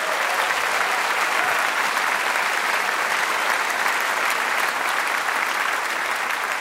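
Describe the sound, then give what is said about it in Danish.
Sustained audience applause for Mads Storm, a dense wash of many hands clapping at a steady, fairly loud level for several seconds without a break, with no voices standing out. “Giv ham et bifald.”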